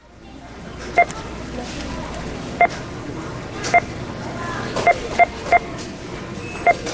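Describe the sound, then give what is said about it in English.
Short, crisp electronic beeps sound seven times at uneven intervals, a few bunched close together, each one clear and prominent above a steady murmur of background noise. “We're representing American consumption as beeps. Whenever you hear one, it means $100,000 of stuff was just bought in America.”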